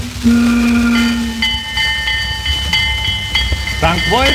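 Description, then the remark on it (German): A steam train whistle blows a long steady tone, followed by hissing and rumbling of a train arriving at Wolfgangsee in Bad Ischl, with brief voices and a rising call near the end. “Und er hielt das fest, was eben viele erleben, als sie mit dem Zug am Wolfgangsee ankamen, damals in Bad Ischl.”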